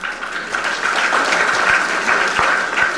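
A crowd claps steadily at a church Mass, a dense patter of many hands, fairly loud, sustained throughout with no voices.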